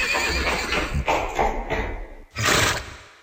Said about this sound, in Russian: Вот, Чевостик, ты только что на себе испытал один из лошадиных аллюров. Испытал чего? Аллюр. Так называется ход лошади. Ветерок бежал рысью.